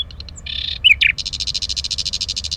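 A nightingale sings a varied phrase of short clicks and buzzy notes, then breaks into a fast, even, pulsing trill. The song is clear, with only faint low rumble behind it.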